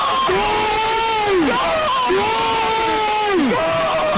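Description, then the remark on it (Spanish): Zaragoza football fans roar in celebration of a goal, with long drawn-out shouts swelling and falling twice over a dense, loud wall of crowd noise. “O sea, cambia tu vida y la de todos los aficionados de Zaragoza.”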